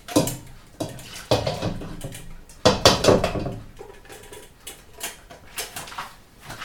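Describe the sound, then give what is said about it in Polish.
A lecho base of purée mixed with water pours and splashes into a pot in a few uneven bursts, with light clinks of kitchenware between them and no talking. “Dlatego ja wybieram akurat ten wariant. Naszą bazę przelewamy.”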